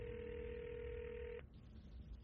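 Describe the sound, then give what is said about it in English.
A phone ringback tone on an outgoing call to a missing woman's phone: one steady, clear ring lasting over a second, then it cuts off into faint background noise with no answer. “She's not picking up.”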